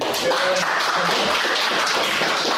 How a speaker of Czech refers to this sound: Postup zajistil rozhodující trefou Jan Chramosta. No a on i kouč si tak po příchodu na tiskovou konferenci užívali potlesk od přítomných novinářů.